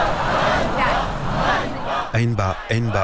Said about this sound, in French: Honte, scande la foule. Des pancartes sont brandies à bout de bras.